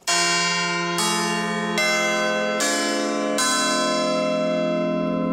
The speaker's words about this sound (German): Das ist das Salve Regina, ein Glockengeläut, das in Heufurt in der Rhön künftig regelmäßig zu hören sein wird. Hier wurden nämlich am 25. Juli 4 Glocken geweiht.